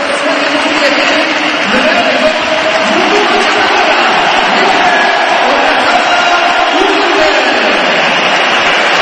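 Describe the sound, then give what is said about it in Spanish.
A huge stadium crowd roars with sustained applause and cheering, interspersed with shrill whistles, with more applause than whistling, a dense, continuous wall of noise that stays loud throughout. “Más aplausos que pitos. Ahora yo creo que se nivela un pelín, pero yo creo que más aplausos, ¿eh?”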